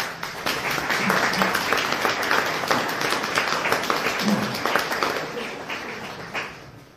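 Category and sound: crowd, audience applause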